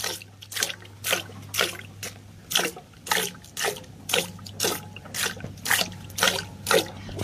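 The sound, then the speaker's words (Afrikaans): Hand-milking a cow with the fingertips: quick hissing squirts of milk hit the pail in a steady, even rhythm, about two per second, over a low background hum, with no one talking. “Ek luister gou na daai geluide wat jy maak.”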